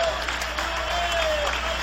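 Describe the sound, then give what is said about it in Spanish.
A church audience claps loudly and steadily for the Lamb of God, a dense wash of applause with faint tonal sustained notes underneath, maybe an organ or keyboard holding a chord. “Dale un aplauso lo más fuerte que puedas al Cordero de Dios.”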